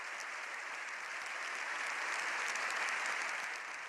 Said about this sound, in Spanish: Una imagen que quedará para el recuerdo. Nunca antes un pontífice había pisado el Congreso de los Diputados. La ovación más larga hasta la fecha era la que había recibido la princesa Leonor en 2023, cuando juró la Constitución.